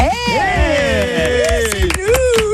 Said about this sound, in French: On s'applaudit, t'as vu, on s'aime tellement qu'on s'applaudit.